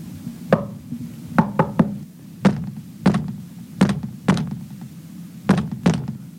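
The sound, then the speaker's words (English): A series of about ten solid knocks on a wall, irregularly spaced with some quick doubles and triples, each a dull, resonant thud over a low background hum, with no voices. “It sounded like the wall knocked back at me. Come on, Angela. Be brave and knock over there.”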